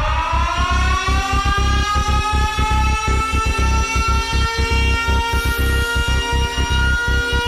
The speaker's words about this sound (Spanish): Familia Candela, nuevamente se enciende la alarma Candela.